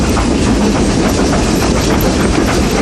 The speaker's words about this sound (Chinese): 世界上最后几列仍在运营的蒸汽机车，执着地奔驰在历史中。